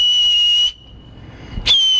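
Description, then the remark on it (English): Two loud, sustained high-pitched whistle blasts from a man whistling to scare off a bear, each held steadily, separated by a short pause with a faint thump before the second. Piercing, with no talking. “He was able to whistle really loud.”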